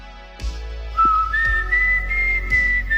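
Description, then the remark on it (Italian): A girl whistles a clear melody of a few sustained notes rising in pitch on a porch in the evening, heard alone, with soft low thumps in the background. “Piano piano diventa anche brava questa bambina, comincia a inventare melodie fischiettando, e una sera, mentre è lì che fischia una melodia su quel portico, succede una cosa strana.”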